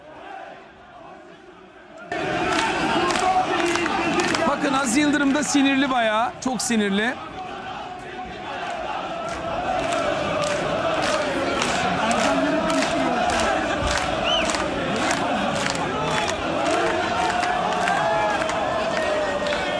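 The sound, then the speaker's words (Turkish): Fenerbahçe football fans supporting Hakan Safi loudly shout angry protest chants against Aziz Yıldırım during the club presidential race, a dense, sustained crowd roar with rhythmic bursts of yelling, after a quieter opening couple of seconds; a man's voice speaks briefly over it. “Şimdi mi Fenerbahçe sevginiz aklınız başınıza geldi diye Hakan Safi taraftarları Aziz Yıldırım'a böyle tepki gösterdiler.”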